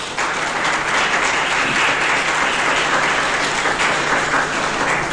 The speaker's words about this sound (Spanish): Le damos un aplauso fuerte a Jesús.